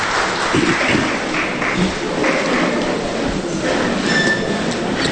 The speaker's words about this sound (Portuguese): Uma salva de palmas à palavra de Deus que acabamos de proclamar.